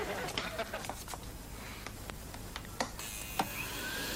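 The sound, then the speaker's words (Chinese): A vacuum cleaner runs with a steady whooshing roar and a faint whine, broken by a series of sharp clicks and knocks as something is handled. “好了，为慎重起见，我郑重声明，本吸尘器绝不能再去吹树叶。”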